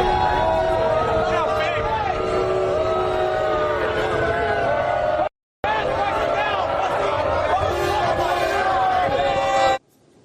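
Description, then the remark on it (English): A large crowd boos loudly and continuously at Donald Trump arriving at the Garden venue in New York, a dense roar of jeering voices that cuts out briefly midway, then resumes just as loud before stopping abruptly. “being lustily booed when he arrived at the venue tonight in New York.”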